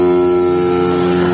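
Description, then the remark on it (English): A single loud, sustained ship's horn blast, a steady deep droning tone with rich harmonics holding unbroken throughout, with no voices. “That sound. Here come the French by boat.”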